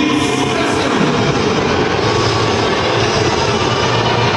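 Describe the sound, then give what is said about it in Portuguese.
A stadium crowd of Grêmio fans at the Arena Tricolor boos head coach Luiz Castro as his name is announced, a loud, unbroken roar of many voices that holds steady for several seconds, with no distinct speech. “Disparado, o mais vaiado, o técnico Luiz Castro.”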